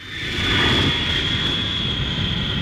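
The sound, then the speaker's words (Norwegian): A steady airplane engine roar with a deep rumble and a thin, high whine held on one pitch, loud and constant for a few seconds with no voices. “Etter en ganske lang flytur landet vi her i dag tidlig.”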